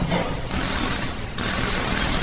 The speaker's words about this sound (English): I'm welcomed by the banging sound of mechanics at work under the hot burning sun. Some are painting cars, some are working on engines, while others are resting under a shade.